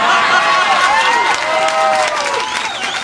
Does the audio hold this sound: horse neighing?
no